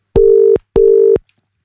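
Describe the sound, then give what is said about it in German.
Two loud, steady telephone ringing tones, each under half a second, sound one after another with a short pause between, with no voices, as a phone call is placed to call someone back. “Da drücke ich mal da drauf, dann da drauf und dann klingelt's.”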